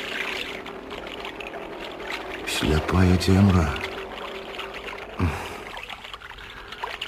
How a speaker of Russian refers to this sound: гаспадар лодкі з новым 25-сільным маторам.